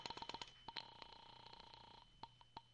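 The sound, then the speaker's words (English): A telephone is dialed to call the landlady at the Carlton Apartments: a quick string of short electronic beeps, a sustained steady tone, then a few more separate beeps. Clear, with no voices. “All right. I'll phone the landlady.”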